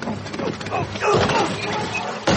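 A burst of crashing, blown-apart noise from a rigged scooter exploding, with a rough rumbling middle and a sharp second bang near the end, loud, with voices mixed in.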